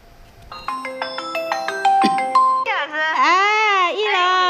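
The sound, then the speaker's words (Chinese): A ringtone for a video call from Nujiang, Yunnan, China, plays a bright melody of quick, stepped electronic notes for about two seconds, then a loud, wavering, cry-like voice takes over and continues to the end. “今天的零点故事从一个从怒江打来的视频电话说起。”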